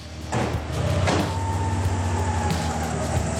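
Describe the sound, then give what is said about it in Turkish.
The engine of an Integrale that sat unused for 10 years and needs valve adjustment rumbles steadily with a low droning tone on a test drive to a workshop 300 metres away, broken by a couple of brief clunks and whooshing rises as the vehicle shifts and accelerates. No one speaks. “Bu yüzden Chris sadece 300 metre uzaktaki tamirhaneye kadar bile olsa deneme sürüşü yapmayı atlamıyor.”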